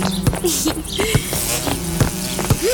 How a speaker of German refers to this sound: Habt ihr gesehen, dass unser Insektenhotel immer voller wird? Aha, es brummt und summt wie verrückt vor dem Hotel.